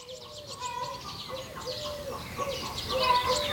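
Several hens cluck and croon over one another in a henhouse in a steady, busy chorus, fairly loud, with no one speaking.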